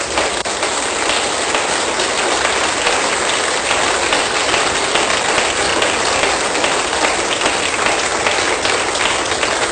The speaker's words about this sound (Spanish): Soltemos un fuerte aplauso.